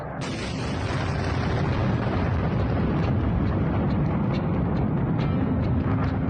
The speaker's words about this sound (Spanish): En mayo y septiembre del 2023 se escucharon explosiones en los depósitos de munición de uranio empobrecido en las ciudades ucranianas de Tornopol y Khmelnytsky. Las imágenes de fuertes explosiones se difundieron por Internet.